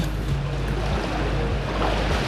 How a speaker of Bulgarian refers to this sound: Здравейте, намирам се на плаж край море. Наистина прекрасно септемврийско време. Както казват, вижте, морето е като тава. Няма нищо общо с мъртвото вълнение в края на август.